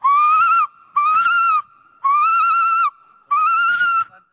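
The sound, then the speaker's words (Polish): A person imitates a female tawny owl's response call: four loud, shrill, nasal cries in a steady rhythm, with short pauses between them and a faint continuous tone underneath. “To taki bonus jeszcze na koniec, odpowiedź samicy.”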